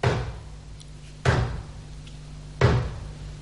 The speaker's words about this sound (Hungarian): Az ajtónyitás most csapást jövendel.